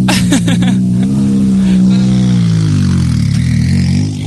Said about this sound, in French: vous allez écouter le vroom vroom vroom. Ça c'est un vrai bruit de voiture rallye, c'est pas un faux comme nous on fait.